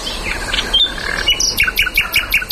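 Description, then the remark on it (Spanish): A common nightingale sings alone at night, first with varied warbling notes, then a rapid run of repeated, bright chirping phrases in a steady rhythm, clear. “Esto es un ruiseñor común, en plena expansión nocturna.”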